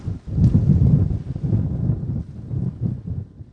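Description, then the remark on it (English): Strong wind roars and buffets the microphone on a bank of the Mississippi River during a canoe trip, with waves on the water; a continuous low rumbling gust that surges and eases over a few seconds, with no voices. “Big wind.”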